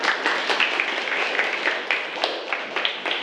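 Steady applause from a group, a dense run of overlapping claps with frequent sharp individual slaps, holding an even loudness throughout with no voices standing out.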